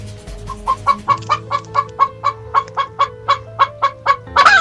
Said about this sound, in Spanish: Entonces, mi queja es para estas gallinas que no dejan de cacaraquear, ya me tienen cansada.